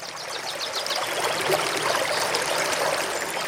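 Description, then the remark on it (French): A stream, the Galaure river, flows steadily with clear water through fields and past villages, a continuous burble and trickle of water that holds an even level throughout, with no voices. “Son eau claire traversait les champs, longeait les villages et poursuivait tranquillement son chemin vers des rivières plus grandes”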